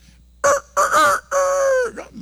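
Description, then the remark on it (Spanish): A rooster crows once, loud, in a hoarse, raspy cock-a-doodle-doo: two short rough bursts followed by a longer drawn-out call that falls away at the end. “Ese ronco está gallo.”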